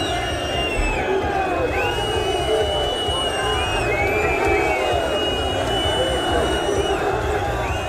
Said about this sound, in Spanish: Miles de aficionados se concentraron a la salida del estadio para protestar contra la directiva